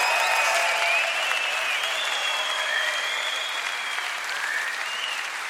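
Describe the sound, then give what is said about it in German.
Sustained applause from a large crowd, a dense steady wash of clapping that holds at a fairly even level throughout, with faint whistles or cheering tones drifting above it. “Ovation!”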